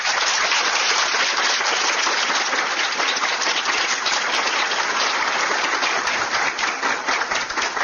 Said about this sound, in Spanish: Un aplauso.